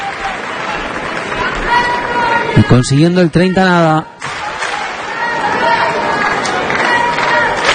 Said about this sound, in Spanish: Sí, aplausos. Sí, let's go, Jannik, let's go. No dicen let's go, Alex, let's go. En fin. Va con el que gana en esta pista central del All England Club.